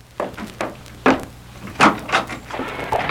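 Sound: door being opened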